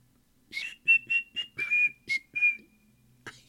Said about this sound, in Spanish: Así va el silbidito.